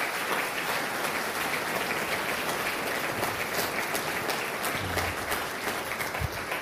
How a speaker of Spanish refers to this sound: Dele un aplauso a la paz poderosa de nuestro Dios.